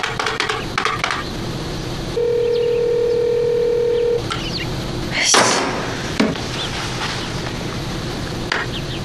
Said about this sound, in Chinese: 二嫂你快给我二哥打个电话。 接了吗？锦溪不接电话， 他咋这会儿不接电话呢？